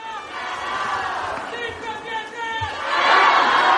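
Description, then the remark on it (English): A large, happy crowd at Castel Gandolfo cheers and shouts together as the Pope arrives for the Sunday Angelus, a dense wash of voices that swells louder toward the end, with a few sharp thumps underneath. “And very happy crowds here in Castel Gandolfo.”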